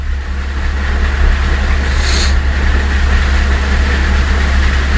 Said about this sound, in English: It's thunder. It ain't gonna get you. It's thunder and it's lightning. If you hear the thunder, then the lightning didn't get you.